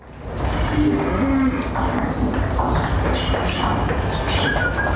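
A large herd of about 500 dairy cows mooing continuously as they are moved from their field to the milking parlour, several low drawn-out calls overlapping against a dense, noisy outdoor background with birds and bustle.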